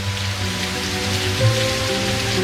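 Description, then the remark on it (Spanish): Steady, dense rainfall pours down on the city of Buenos Aires in a continuous hiss, with drops drumming on a surface and no voices, just the even wash of a heavy downpour. “Y chaparrón, chaparrón, chaparrón. Llueve con todo en la ciudad de Buenos Aires y alrededores.”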